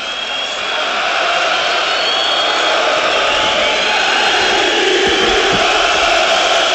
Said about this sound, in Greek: Και ακούτε τώρα ότι έχει σηκωθεί πολύ μεγάλη μερίδα του γηπέδου και φωνάζει το όνομα του Μεντιλίμπαρ στο 80 λεπτό.